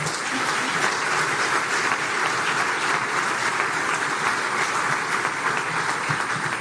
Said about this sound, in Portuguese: Para isso, peço uma grande salva de palmas para esta parceria histórica.